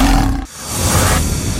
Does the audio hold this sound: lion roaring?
yes